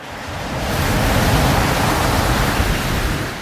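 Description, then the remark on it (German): Ocean surf washes steadily onto a beach, a continuous broad rush of water that swells gently and then eases, with no voices or other sounds. “Die heranrollenden Wellen wirkten als beruhigender Klangteppich.”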